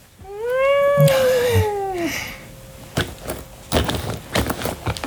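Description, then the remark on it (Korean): A large-framed tuxedo cat, easily over 8 kg, lets out one long, drawn-out meow, rising and then sagging in pitch for about two seconds, followed by a few scattered rustling and scuffling noises. “8kg은 너끈히 넘어갈 것 같은 기골장대한 턱시도 고양이는 현우의 불안을 느끼고는 뺨에 머리를 비볐다.”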